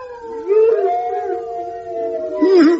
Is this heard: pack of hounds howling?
yes